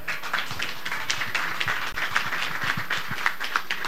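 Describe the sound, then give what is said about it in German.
A hall full of people applauding to call for an encore after a performance, a dense, steady wash of many hands clapping at once that holds for the whole four seconds at a fairly even level, with no voices. “Es gibt einen großen Applaus.”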